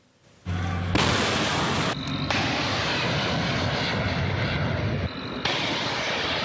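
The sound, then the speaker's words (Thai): After a brief quiet moment, several guided missiles, shown by Iranian state media, are fired at US warships in the Strait of Hormuz with a sudden blast that swells into a loud, sustained rocket roar, a rushing thunder that continues steadily to the end. “สื่อทางการอิหร่านได้เผยภาพนาทีใช้ขีปนาวุธนำวิถีหลายลูกยิงสกัดเรือรบของสหรัฐในช่องแคบฮอร์มุซนะครับ”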